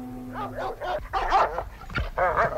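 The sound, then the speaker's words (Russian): Two chained shepherd dogs lunge and bark in a quick, overlapping flurry of loud, sharp woofs, with some higher yelping, whining tones mixed between the barks. “К нему уже рвались две овчарки.”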